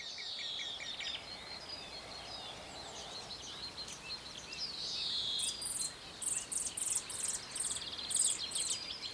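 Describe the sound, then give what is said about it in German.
Outdoor morning ambience with birds chirping and singing in bursts over a steady insect and cricket hum, the calls growing busier toward the end. No one speaks. Recorded shortly after sunrise at the Heinz-Sielmann pond while bird-catching nets are being set up. “Kurz nach Sonnenaufgang spannt er am Heinz-Sielmann-Weiher seine Netze auf.”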